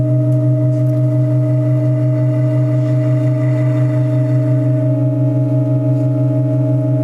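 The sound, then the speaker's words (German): Sustained organ pipe tones hold a loud, steady chord of layered low and mid pitches, with a subtle shift in the upper tones partway through as one more pipe, sounding a D, is added during a sound change in the Burchardi-Klosterkirche. No voices are heard. “So hat sich übrigens der Klangwechsel vor anderthalb Jahren angehört, als auch eine Pfeife dazugesteckt wurde mit einem gestrichenen D-Silentium.”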